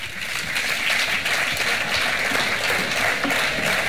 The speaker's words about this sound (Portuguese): Un aplauso para o coro da Xunqueira, un de Pontevedra. Moi ben, chavales.